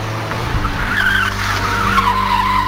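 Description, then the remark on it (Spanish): Car tires skid and squeal under braking, a high wavering screech sliding downward in pitch over a steady low engine rumble, continuous and loud for a few seconds without any talking. “Ay, y cuando, de verdad, ve, hijo, ve, cuando lo voy mirando, un carrito adelante de mí, justamente el mismo sonido, ve, lo ve, así, ve.”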